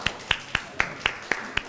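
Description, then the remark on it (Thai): Students clap for their classmates in a steady rhythm: about seven crisp, sharp claps evenly spaced roughly a quarter second apart, moderately loud, with no talking over them. “ปรบมือให้กับเพื่อนๆด้วยครับ”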